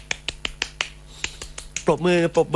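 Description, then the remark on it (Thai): A quick run of about eight sharp hand claps, fairly steady with a brief pause midway, followed by a man starting to speak. “ปรบมือใครที่สนใจนะครับ”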